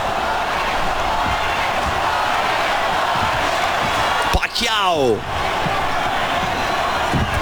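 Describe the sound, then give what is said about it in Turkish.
A stadium crowd of 55,000 at Suncorp Stadium in Brisbane roars steadily and loudly throughout the Jeff Horn vs Manny Pacquiao boxing fight, a dense wall of cheering, with a man's voice briefly calling out over the din. “Seyirciler çıldırmış durumda.”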